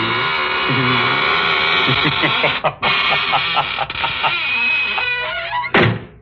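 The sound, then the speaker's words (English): A door creaks slowly shut with a long, drawn-out squeal whose pitch wavers and groans for several seconds, ending in a single solid thud. No one speaks. “Well, now I guess it's really time to close that squeaking door.”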